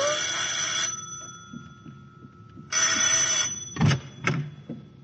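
A shrill bell rings in two bursts, each lasting just under a second with a pause between, followed by a couple of sharp clattering knocks.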